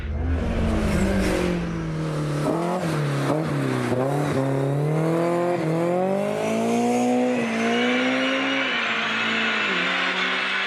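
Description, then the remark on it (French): A car engine revs hard and climbs quickly to high rpm, going from 6,000 to 8,000 rpm in a fraction of a second, its loud rising whine repeatedly dipping and surging as it accelerates, with no talking over it. “Le moteur, franchement, il monte dans les régimes à une vitesse absolument incroyable.”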